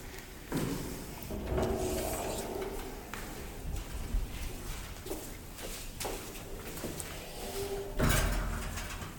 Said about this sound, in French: Non, c'est juste la porte qui n'arrête pas de claquer. D'accord. La porte n'arrête pas de claquer parce qu'il fait très chaud aujourd'hui.